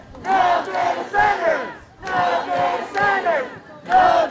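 A large crowd chants loudly in unison, repeating a short rhythmic phrase of a few punchy syllables, with brief pauses between each round of shouting.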